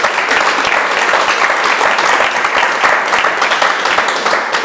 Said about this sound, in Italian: Un applauso a questi angeli.